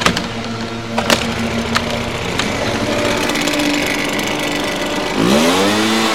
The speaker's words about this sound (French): On est des agents de camp la mer et on est là pour souffler les feuilles pour que les quartiers soient propres.